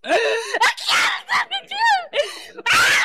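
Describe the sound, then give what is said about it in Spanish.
A person screams and wails in loud, strained bursts with rising and falling pitch, broken by short gasping pauses, intense throughout, during a deliverance in a Pentecostal church on Sunday, 5 July. “Oye, Satanás, ¿qué te está pasando? ¿Por qué gritas?”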